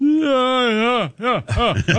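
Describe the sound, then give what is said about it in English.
A loud, drawn-out voiced yawn from a man, rising and then sliding down in pitch, followed by a shorter groaning trail-off. “that he cannot yawn quietly. Or, better yet, no sound. He has to give it one of these every time.”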